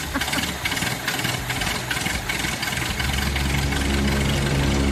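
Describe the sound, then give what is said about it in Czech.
A steady mechanical hum and whirr of a newly installed modern luxury air conditioner being switched on and running, with a low motor drone that grows heavier and louder about midway as the unit kicks up, no voices over it. “protože nám zařídil moderní luxusní klimatizaci, takže si myslím, že je na čase si ji pustit.”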